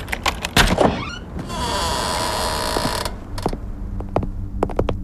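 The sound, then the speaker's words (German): A door is opened: sharp latch clicks, then a steady mechanical whirr for a second or two, followed by a few crisp clacks and knocks. “Mach einfach die Tür auf.”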